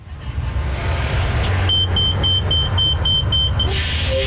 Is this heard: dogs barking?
no